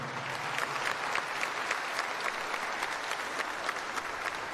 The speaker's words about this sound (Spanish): Vamos a darles un fuerte aplauso, por favor.